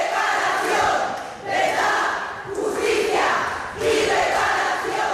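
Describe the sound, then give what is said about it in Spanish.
A large crowd of protesters shouts together in loud, rhythmic Spanish chants of "verdad, justicia, reparación" (truth, justice, reparation), the voices swelling in repeated waves about every second and a half without pause. “Por eso nos levantamos y gritamos durante 15 minutos verdad, justicia, reparación y olvido en el perdón.”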